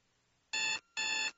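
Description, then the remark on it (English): An alarm clock rings in two short, loud bursts of bright, buzzing electronic tone separated by a brief pause, with no voices present. “No alarm clock.”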